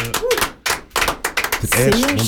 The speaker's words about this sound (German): Wir machen noch einen Applaus hier aus dem Studio.